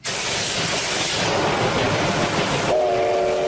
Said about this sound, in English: The operator of a popular Japanese steam locomotive has conducted a test run after a six-year break.